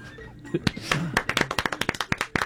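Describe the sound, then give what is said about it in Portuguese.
A quick run of sharp, bright hand claps, around a dozen in steady rhythm, starting after a brief burst of talking and laughter and carrying on to the end. “Eu vou aplaudir.”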